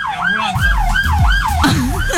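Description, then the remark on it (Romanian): A loud ambulance siren wails in steady rising and falling sweeps, over a low rumble of traffic and engine noise. “Ambulanța.”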